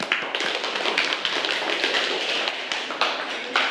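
A group of students in a classroom claps together for a classmate who answered a math question correctly, a dense, steady patter of many overlapping hand claps that keeps going at an even level for several seconds.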